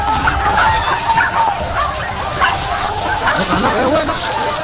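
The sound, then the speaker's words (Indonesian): Several hunting dogs bark nonstop during a wild boar hunt at Bukit Baru Berem, in a loud, chaotic jumble, the barks overlapping with no pause, over a busy, noisy background of the hunting party shouting loudly. “Suasana pun berubah menjadi riuh rendah, berbaur dengan suara gonggongan anjing yang tiada henti.”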